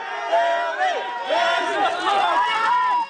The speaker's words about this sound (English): people gathering in a New York alley, waiting for a green-haired pop star coming out of a talk show appearance.